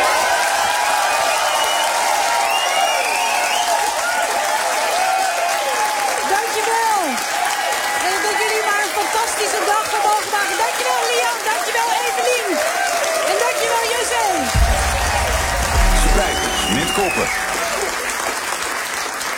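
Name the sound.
audience applauding and cheering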